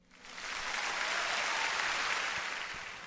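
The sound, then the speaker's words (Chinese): Sustained applause from a crowd, a dense steady wash of clapping that swells in quickly, holds evenly for about three seconds, then eases slightly at the end, with no voices. “给你最诚挚的祝福，当然要献上最响亮的掌声咯。”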